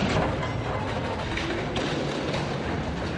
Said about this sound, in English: Second crane smashing. That's going to play an audio bit here with that sound.